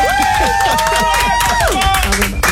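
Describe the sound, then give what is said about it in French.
Studio audience applause in the Énergie radio studio for a guest, a dense steady patter of many hands clapping, with high whooping cheers and excited voices rising and falling over it throughout. “Bah là, tu m'applaudis, on dirait c'est mon anniversaire.”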